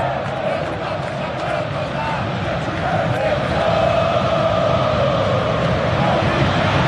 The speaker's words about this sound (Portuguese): Ficou o grito a torcida do Corinthians em Itaquera, é claro, insatisfeita com a campanha da equipe, eliminada depois de duas qualificatórias, cai para o Internacional no placar agregado de 3-2.